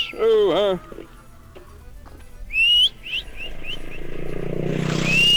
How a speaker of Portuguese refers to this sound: Até moto agora dentro da fazenda.